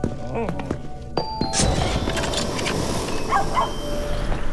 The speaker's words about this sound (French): C'est un bon chien, ça.